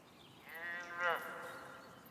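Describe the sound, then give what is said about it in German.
A moose cow gives one drawn-out, cow-like mooing call with a nasal, slightly bleating edge. It rises and wavers before fading over a quiet outdoor background. “Sag mal, das hört sich doch an wie eine Kuh.”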